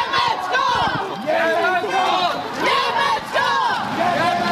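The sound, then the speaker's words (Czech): A group of high-pitched children's voices shouts together loudly and continuously, in repeated rhythmic bursts of team chants accompanying their team's procession in a school Olympic parade in Smržovka, with overlapping cries and no pauses. “Pečlivě si všichni připravili také pokřiky, doprovázející jejich výpravu.”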